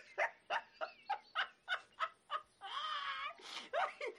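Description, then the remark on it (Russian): A black puppy, running after a man, gives a quick run of about eight high, evenly spaced yaps, then a drawn-out wavering whine, followed by a few more excited yelps, fairly loud with no talking. “За Обломовым бежит черный щенок.”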